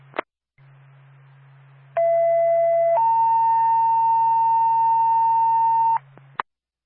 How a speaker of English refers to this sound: Twin State to Haverhill Fire Department. Stand by for tone.